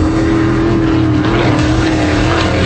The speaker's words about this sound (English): The X Insurance Clearwater Offshore Nationals, September 25th through the 27th on Clearwater Beach. 90 race boats, over 140 miles an hour. Close enough to feel it.